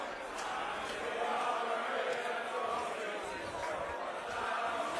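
A large crowd of England football fans, supporters of the Three Lions, sings one of their famous chants together, a dense wall of many voices holding a steady, loud level throughout with no single voice standing out.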